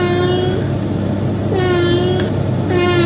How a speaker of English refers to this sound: Adam's got a couple of cats lined up that he reckons has accents, and we're going to see if either of us can guess the accent. Right. Okay, Boston and Sarah, here is cat number one.